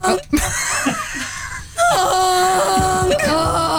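A loud, brassy honk sound effect blares after a few seconds of muffled vocal noises, holding a steady nasal tone, briefly breaking, then sounding again to the end.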